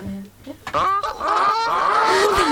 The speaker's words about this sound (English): Press the play button here. That is a goose squawk. Just because.